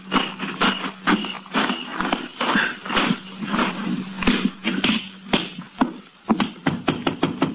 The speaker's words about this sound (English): You go around the back way, and I'll go in through the front. Wait till you hear me knock and get in.